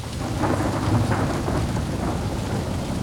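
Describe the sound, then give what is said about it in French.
A strong gust of wind, which carries off a snail, roars steadily for about three seconds, a dense rushing hiss over a deep low rumble, with a rain-like patter mixed in and no voices. “Une bourrasque de vent a emporté l'escargot!”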